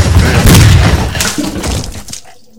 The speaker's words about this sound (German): Unglaublich. Erster Schuss in seinen Kopf hat ihn getötet.